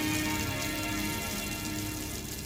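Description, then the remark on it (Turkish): A steady, dense hiss of heavy rain pours down without letup at Fuji, Japan, on the day of the Japanese Grand Prix, a constant wash of noise with a low rumble underneath and no voices. “Bugün Fuji'de aralıklarla yağacak sağanak yağmurun yanında sert rüzgarların ve dağdan gelebilecek yer yer sisin olması bekleniyor.”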